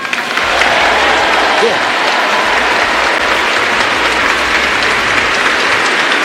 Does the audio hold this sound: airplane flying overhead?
no